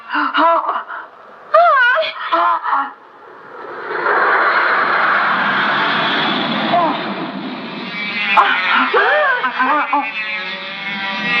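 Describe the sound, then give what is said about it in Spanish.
A squadron of toy airplanes flies past with a steady, whooshing engine drone lasting several seconds, framed by brief wailing, excited voices before and after. “¡Una escuadra de aviones de juguete!”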